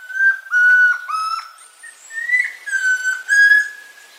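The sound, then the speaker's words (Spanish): A chestnut-crowned antpitta (tororoy comprapan) song from the Colombian Bird Sound Bank, compiled by the Humboldt Institute and Cornell University: a series of clear, pure whistled notes at a steady pitch, delivered in quick repeated phrases, loud with no other sounds. “El trino del tororoy comprapan forma parte del Banco de Sonidos de Aves Colombianas, recopilado por el Instituto von Humboldt y la Universidad de Cornell.”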